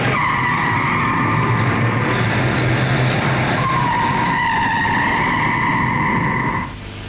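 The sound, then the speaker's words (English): Car tires squeal loudly and continuously for several seconds over a roaring engine as a valet drives at a parking garage, the shrill pitch wavering before cutting off abruptly near the end. No one speaks. “The squeal in tires was the valet at the parking garage.”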